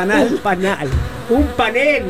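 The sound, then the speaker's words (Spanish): A loud bee buzzing sound effect, its droning pitch rising and falling in a few swooping bursts over about two seconds. “Este se equivoca y el otro le pone una abeja.”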